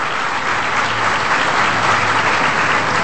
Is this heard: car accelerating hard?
no